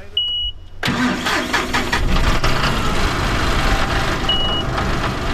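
A short electronic beep, then a tractor engine suddenly roars to life and settles into a loud, steady idle, with one more brief beep near the end, in a horse corral used for growing pumpkins in Tarboro, Edgecombe County.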